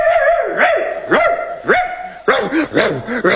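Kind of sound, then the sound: animal, dog barking excitedly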